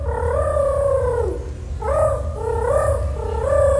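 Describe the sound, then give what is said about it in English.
A human voice, the second-place entry in a rooster impersonation contest, imitates a rooster crow, producing wavering, cooing calls that sound more like a pigeon, with two drawn-out phrases over a steady low rumble. “See, I think that's more of a pigeon.”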